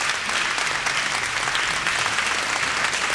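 Steady, loud applause from an audience for a quartet in the SADAIC auditorium, a dense wash of many hands clapping at once that holds constant for several seconds without pause or voices.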